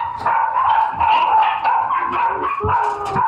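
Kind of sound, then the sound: animal, puppies barking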